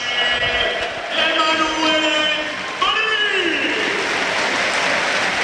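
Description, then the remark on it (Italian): A stadium crowd at a Parma versus Sassuolo football match applauds Parma player Valeri as he is substituted off for Carboni, steadily for several seconds, a dense, even roar of clapping with a voice rising over it, briefly dipping before swelling back to full strength. “Ve lo faccio sentire, insomma, l'applauso per Valeri come intensità secondo solo a quello per Mandela Keita.”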